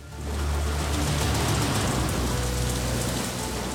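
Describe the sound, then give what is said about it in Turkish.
A heavy downpour of rain outside a tunnel roars steadily throughout, a dense, continuous hiss of drops pounding surfaces, with no voices and no letup. “Dışarıda sağanak yağmur varken bu tünele girmemiz pek akıllıca bir fikir olmayabilir.”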